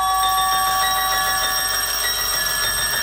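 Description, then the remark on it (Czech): A house doorbell rings loudly and without a break for about three seconds, a bright, steady electric ringing with a slight rattle. No voices are heard. “Právě jsem se natáhl na své pohovce a pustil si první takty Janáčkovy věci Makropulos, když někdo začal zvonit.”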